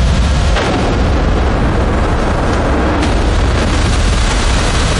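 Explosions from a night drone strike on two logistics centres, the warehouses at Kolodino and Domodedovo in the Moscow region: a loud, steady rumbling roar broken by a few sharp bursts and pops, with no voices.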